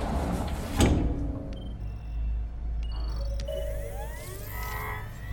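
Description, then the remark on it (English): A sliding glass door to a range room whooshes open with a sharp mechanical clunk, followed by soft electronic beeps as Katniss taps on a holographic keyboard, and a rising synthetic whir over a low ambient hum. No one speaks. “Katniss enters a range room with a sliding glass door and taps on a holographic keyboard.”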